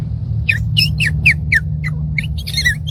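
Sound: imitated purple martin call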